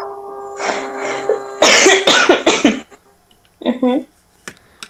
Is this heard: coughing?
yes